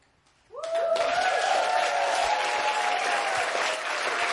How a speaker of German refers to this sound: Ein Applaus für … an der Gitarre.